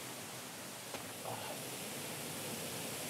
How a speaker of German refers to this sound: wenn Wasser aus großer Höhe irgendwo runterfällt